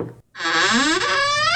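A loud, drawn-out creak of a door swinging open at a haunted house attraction in Brook Park, its pitch wavering and bending as it stretches on for over a second after a brief pause.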